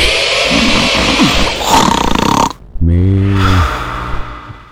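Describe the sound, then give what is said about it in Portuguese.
A loud, exaggerated snoring effect on Cultura Sul FM radio, standing for the town of São João do Triunfo still asleep at 5:35 in the morning: a long raspy, rattling inhale, a brief pause, then a deep, buzzing snort-like exhale, alone with no talking. “Verdade mesmo, Triunfo tá roncando ainda.”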